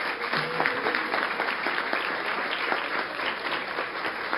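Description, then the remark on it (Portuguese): A crowd applauds Jesus steadily for several seconds, a dense patter of many hands clapping at an even, fairly loud level with no voices standing out. “Aplausos a Jesus.”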